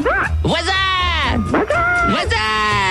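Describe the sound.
A person loudly imitates as many animal noises as possible, a string of wavering, bleating cries and yelps in quick succession, continuous for a few seconds.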